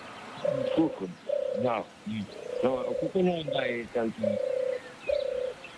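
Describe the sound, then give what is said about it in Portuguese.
A bird calls over and over in short, steady hooting notes, about one per second, fairly loud, with people's voices faintly overlapping some of the calls. “Pasaro, seguro que é un pasaro. Sí, é un pasaro.”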